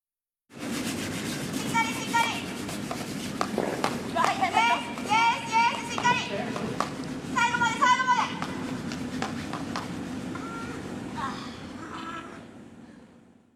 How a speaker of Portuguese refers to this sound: Então Vejamos. vamos ouvir a gente varrendo agora, literalmente, o gelo.